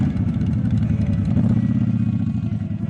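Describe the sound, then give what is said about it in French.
Several motorcycle engines rumble and idle together in a steady, loud low drone, with a busy throbbing texture and faint clatter, as a group of motorcycles rolls past in a motorcycle parade at a day-long public celebration. “Au menu de la journée, un défilé de motos, des concerts, deux films sur écran géant.”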